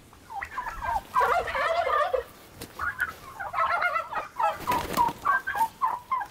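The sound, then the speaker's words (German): Roosters and hens call in a poultry stall, a busy stretch of overlapping clucks and warbling bursts repeating in quick pulses, with no talking. “Das wäre natürlich super, wenn die Hähne nicht reingehen.”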